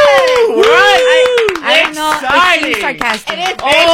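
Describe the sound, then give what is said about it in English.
Small, light hand claps tap out an uneven, scattered rhythm, mocking rather than enthusiastic, while a person speaks in an exaggerated, excited, sing-song voice over them. “Your little claps. It's sarcastic.”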